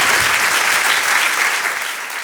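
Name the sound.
audience applause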